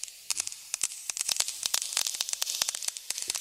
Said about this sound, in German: Jetzt passiert erst einmal nichts. Bis dann auf einmal Regentropfen fallen.